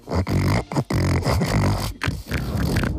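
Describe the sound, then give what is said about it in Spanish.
A real pig grunts loudly in a rapid series of rough, throaty bursts with brief gaps between them, the last ones running longer and more continuous. No one speaks. “Eso es un cerdo de verdad, lo que nos está poniendo...”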